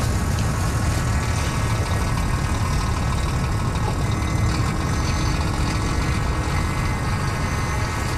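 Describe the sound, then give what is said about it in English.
Heavy truck engines idle steadily in an industrial, built-up area of Sydney among car parks and building supply sites: a constant low rumble with a faint mechanical hum layered on top, unchanging for the whole stretch with no voices. “In this industrial and built-up bit of Sydney, right near a rugby station and a road named after Captain Cook, in between car parks and trucks”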